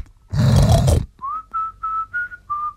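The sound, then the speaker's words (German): A pig in a pigsty on a small home farm lets out one loud, rough, throaty grunt, followed by five short, steady, high-pitched whistling squeals in a quick, even rhythm. No one speaks. “Schauen wir also kurz in den Schweinestall, um zu sehen, ob Zarkowski recht hat.”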